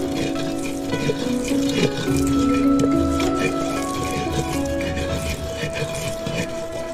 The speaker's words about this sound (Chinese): 对，像沫一样。加点水。 还要加水。 对，要加点温开水进去。